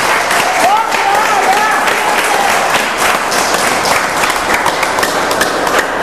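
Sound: audience applauding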